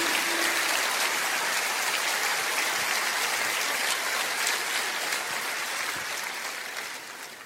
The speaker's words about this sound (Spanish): Aleluya. Fuerte ese aplauso a Jesús.